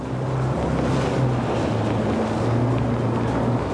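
The motor of an amphibious boat with landing gear drones steadily as it moves along a rocky coast, its low hum continuous over a constant wash of water and wind, with no voices present.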